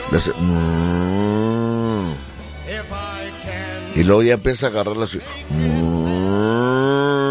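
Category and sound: animal, cows mooing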